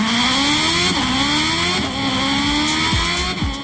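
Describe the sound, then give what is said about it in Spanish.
A loud motorcycle engine, ridden by a reporter giving a news report from the motorcycle, revs and accelerates, its pitch climbing and dropping in repeated surges as it shifts, with a steady roar throughout and no voices. “Vamos a la motocicleta del Heraldo con Alberto Mariscal. El reporte desde la moto.”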